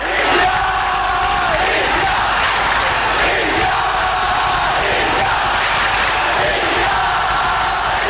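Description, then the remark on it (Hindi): A large crowd chants "India, India" in unison for the Commonwealth Games, a loud, steady roar of many voices with rhythmic rising swells throughout, no single voice standing out. “अगले 10 दिन सात समुंदर पार स्कॉटलैंड के ग्लासगो की फिजाओं में भी इंडिया इंडिया के ये नारे गूंजते सुनाई देंगे, क्योंकि आगाज हो चुका है 22वें कॉमनवेल्थ गेम्स का.”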